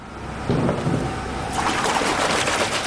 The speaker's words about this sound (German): Nein, hier wird keine schmutzige Wäsche gewaschen. Hier werden runde, silbrig glänzende Klötze in Wasserbäder getaucht. Dicke Stumpenkerzen könnte man meinen, aber es sind Kristalle, jeder einzelne um die 18 Kilo schwer.